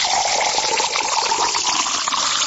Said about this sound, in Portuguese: Quando essa água cai no copo, dá uma sede, não dá? Olha só.